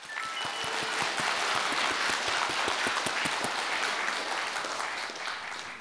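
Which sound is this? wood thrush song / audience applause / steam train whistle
audience applause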